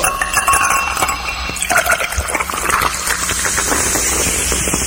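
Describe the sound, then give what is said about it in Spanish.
A drink being opened and poured for a toast, with a steady fizzing hiss and liquid sloshing into a glass for several seconds, and no voices. “Ahorita vamos a destaparle por acá una salud a mi amigo el Catrín”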